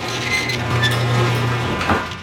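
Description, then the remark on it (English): A garage door opener grinds along with a steady motorized hum and rattling mechanical noise, fairly loud, running continuously for a couple of seconds with a brief clunk near the end. “If your garage door stops working, is that urgent?”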